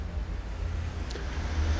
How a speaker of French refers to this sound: Une Volvo qui tourne dans le boulevard Saint-Germain. Une camionnette de dépannage d'Arty. Le feu est rouge, boulevard Saint-Germain. Un homme avec une casquette blanche. Deux voitures.